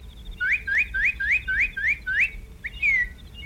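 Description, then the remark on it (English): A northern cardinal whistles a quick run of seven rising, slurred notes, then one longer falling note, clear over a low background rumble. No one speaks. “Hey, did you hear that? What? A cardinal.”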